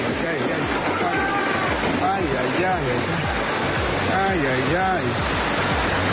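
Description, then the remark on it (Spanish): A loud, steady roar of a strong floodwater current rushing down a street in Chiapas pours on without a break, while people's voices call out faintly over the torrent now and then. “Desaparece motociclista después de ser arrastrado por la fuerte corriente de agua cuando intentó cruzar una calle en Chiapas.”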